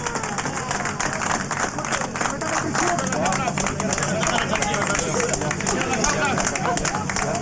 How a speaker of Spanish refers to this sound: Aplausos por doquier, vítores, también el himno nacional. CHI se está gritando. Cápsula tras un éxito total. Y escuchen aquí alrededor mío y en las inmediaciones de toda la mina el aplauso.